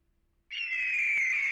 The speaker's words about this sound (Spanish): ¿Era un águila o un halcón? Águila. Águila. Águila.